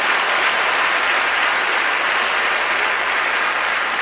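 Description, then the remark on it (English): A church audience bursts into sustained applause, a dense, steady wash of clapping hands that holds at an even, fairly loud level throughout with no voices heard over it. “And I want to applaud y'all to keep doing the very same thing.”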